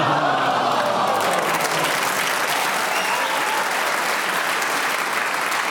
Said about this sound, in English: A well-deserved round of applause when you went for 53 seconds. 53 seconds.